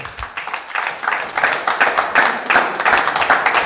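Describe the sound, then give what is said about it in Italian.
Audience applause at an evening event at Bellezza in Milan as a guest is invited onto the stage: a dense patter of many hands clapping steadily at moderate volume, with a few sharper individual claps standing out near the end. “E allora un applauso”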